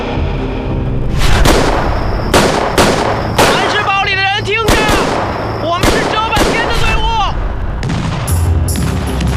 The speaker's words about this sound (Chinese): 不不不，娘，你听清楚了，真是枪声， 是枪声， 你们都听见了吗？是不是枪声？ 是枪声啊！